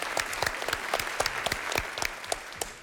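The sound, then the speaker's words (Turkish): A small group claps steadily for a person who made a swan in about five to six minutes, with dense overlapping handclaps forming a continuous patter of applause at moderate volume, no voices heard. “Arkadaşımızı alkışlayalım o zaman bu güzel kuyum için.”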